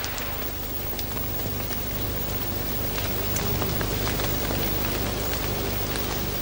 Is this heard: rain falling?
yes